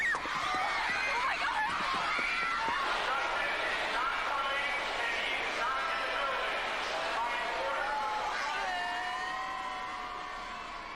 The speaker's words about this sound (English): Chaos at Roosevelt Field Mall today. The crowd was so huge, local police are on hand trying to control this crowd.